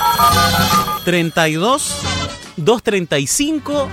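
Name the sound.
landline telephone ringing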